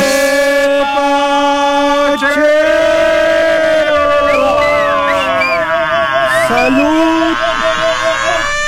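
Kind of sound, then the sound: signal or alarm, siren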